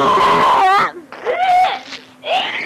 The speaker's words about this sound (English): Now someone is going to have some major spewage come out.